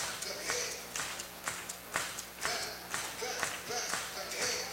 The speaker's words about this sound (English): Actually, it goes off the screen, which makes it a foul ball. Folks are going to clap their hands a moment.